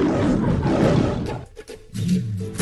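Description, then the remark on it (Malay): A lion roars loudly, a deep rumbling bellow that swells, breaks off briefly, then resumes with another rough growl at the end. “Akulah Raja Rimba. Lindungi singa sebelum hanya tinggal cerita.”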